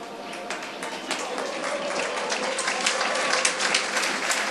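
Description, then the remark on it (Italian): A stadium crowd at an Isola Liri football match stands and applauds player Max Marsili as he leaves the field, substituted around the 40th minute, a dense crackle of many hands clapping that holds at a moderate level and swells slightly toward the end, with no speech over it. “Dovrebbe essere Marsili ad allontanarsi, infatti è così a lasciare il campo, applausi a scena aperta per Max Marsili, autore anche quest'oggi, una grande prova, tutti in piedi per applaudire un immenso Max Marsili,”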